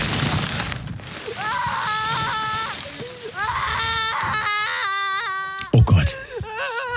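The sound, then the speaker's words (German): A small child screams and cries in long, high-pitched wails that rise and waver, several drawn-out bursts in a row, loud, with a sharp outburst near the end. “Kleinkind ist die richtige Richtung. Ja. Es ist im Laubhaufen verschwunden.”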